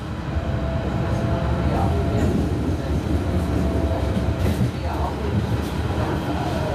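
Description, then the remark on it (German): Steady, loud rumble of an S3 S-Bahn commuter train to Halle an der Saale in motion, heard from inside the carriage, with continuous low roar and faint rattling throughout and no clear slowdown. “Wir steigen aus der S3 nach Halle an der Saale aus und nehmen die Straßenbahn zur Peisnitzinsel.”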